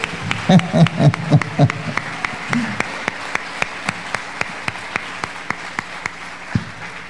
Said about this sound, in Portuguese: Então aplaudo o nome de Jesus mais uma vez.